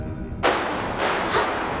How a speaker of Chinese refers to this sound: 什么声音？ 爸爸，哥哥， 这是空弹壳，刚才是枪声。